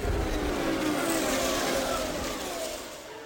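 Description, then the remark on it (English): Race cars, including those of Rick Mears, Bobby Rahal and Al Unser Sr., roar down the main straightaway at Indianapolis, a loud, continuous engine whine whose pitch slides lower as they sweep past, easing off slightly at the end. No one speaks. “The cars ahead of Rick Mears are Bobby Rahal and Al Unser Sr. They're on the main straightaway.”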